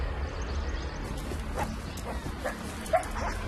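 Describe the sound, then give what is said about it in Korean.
A wild dhole pack yips and whines in short, high, scattered calls over a steady outdoor hiss, with one sharper yelp standing out near the end. “야생 들깨 승냥이 무리죠.”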